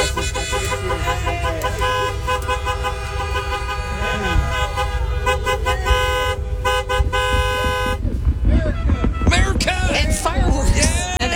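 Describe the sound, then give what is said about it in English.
A dense chorus of car horns honks continuously amid heavy early-morning traffic heading to the Indianapolis Motor Speedway, steady tones overlapping with rumbling engines, growing more chaotic near the end, with faint voices mixed in. “people had an early start this morning. This is about, what, an hour ago, Matt? Yeah. This is what it sounded like.”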